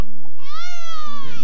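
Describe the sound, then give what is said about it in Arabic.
A baby lets out a single sustained wail lasting about a second, high and tonal with rich harmonics, heard clearly over a low background murmur. “أسمع صوت طفل يبكي.”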